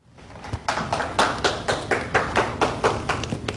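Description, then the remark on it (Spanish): Brief applause from a small group for the winner of the first round: steady, evenly spaced claps at a moderate volume, with no talking, lasting a few seconds. “Un aplauso para el ganador de la primera ronda, el señor Fleming.”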